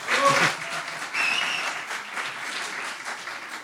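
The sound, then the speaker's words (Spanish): An audience applauds steadily as a poet is introduced onto the stage, a dense wash of many hands clapping that starts strong, dips briefly, then carries on at an even level with a few faint voices mixed in. “Ahórrense los aplausos desmedidos que le incomodan.”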